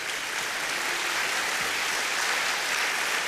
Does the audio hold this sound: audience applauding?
yes